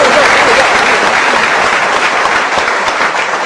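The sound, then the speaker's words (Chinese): Steady audience applause from the men in the audience, encouraging a woman to come up on stage for a comedy sketch, a dense wash of many hands clapping at an even loudness throughout, with no break or swell, and no talking heard over it. “所以咱们男同胞给鼓掌，男同胞给鼓掌。”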